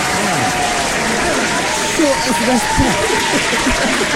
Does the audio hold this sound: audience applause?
yes